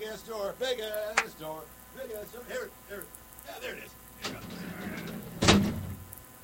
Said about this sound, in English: Big ass door. Here it is. There we go.